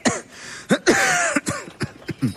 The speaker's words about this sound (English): I heard you coughing all night.